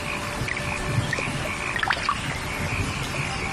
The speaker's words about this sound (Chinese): 夏天，增城正果镇，听雨滴溅起早稻的清香。